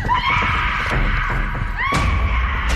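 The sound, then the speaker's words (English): Shrill, high-pitched screams of terror from several children overlap and rise and fall in wails, loud and continuous over a constant rumbling background noise. “You hear these kids. They're screaming for their life.”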